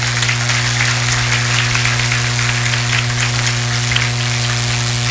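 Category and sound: nature, rain falling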